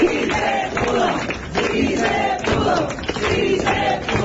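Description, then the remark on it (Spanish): A crowd applauds steadily with voices cheering and shouting over the clapping, a loud, continuous wash of sound that holds for about four seconds. “Así como se está dando ese aplauso, porque efectivamente, además de todo lo que nos dan con su sabiduría, con su entrega, con su dedicación, con su amor, médicos, enfermeras, todo un equipo médico, además los del IMSS,”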